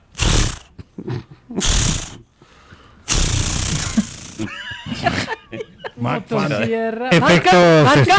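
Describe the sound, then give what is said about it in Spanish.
A voice imitates a chainsaw being started as a special effect, the chainsaw jokingly called a Mac Phantom of the Acme brand: three rough, buzzy pull bursts, the last one longer and sputtering, followed by warbling vocal noises and laughter-like sounds. “sonando bueno el intento de encendido.”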